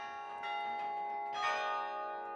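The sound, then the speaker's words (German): Carillon bells played from a tower through an iron or wire mechanism running up to the top, heard across the city centre: several tuned strikes blend into a shimmering wash of sustained metallic tones, with fresh notes entering every half second or so over a lingering resonant hum. “weil man muss hier eine ganze Mechanik aus Eisen oder Draht in Gang setzen, die dann bis da oben hingeht.”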